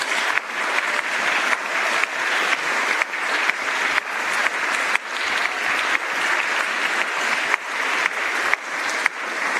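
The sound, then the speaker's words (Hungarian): Sustained audience applause for the people of Nagymaros who hosted the group, a dense steady wash of many hands clapping at an even, fairly loud level for the whole stretch, with no voices standing out. “Ők is egy nagy tapsot megérdemelnek.”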